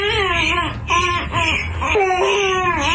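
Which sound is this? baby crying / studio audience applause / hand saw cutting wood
baby crying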